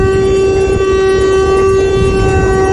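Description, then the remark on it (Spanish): The horn of a tractor-trailer truck that overturned while trying to cross a flooded area in Hidalgo blares in one steady, unbroken tone from start to finish, loud, with a low rumbling background underneath and no voices. “un tráiler volcó al intentar cruzar una zona inundada.”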